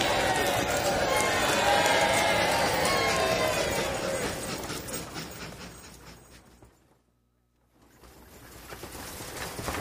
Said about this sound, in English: And you horses keep a nice steady pace.